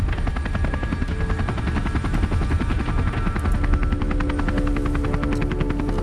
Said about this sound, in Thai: เฮลิคอปเตอร์ขึ้นแล้ว